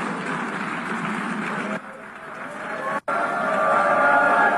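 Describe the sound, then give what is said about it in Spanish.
A large crowd at the 81st United Nations General Assembly boos Israeli Prime Minister Benjamin Netanyahu as he is invited to address the assembly, in a sustained, dense roar of many voices that holds steady, dips briefly partway through, cuts out for an instant, then swells back louder; people stand and leave the chamber. “Ahí comienza el abucheo, comienza el rechazo, el repudio a Satanyahu.”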